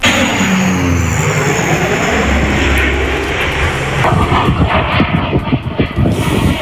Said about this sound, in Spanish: O sonido dos avións do Exército do Aire que forman parte do amplo dispositivo de medios desplazados por terra, mar e aire por parte de medio rural e do goberno.